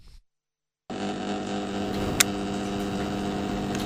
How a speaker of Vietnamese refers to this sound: Chiếc quạt cũ lúc quay lúc đứng.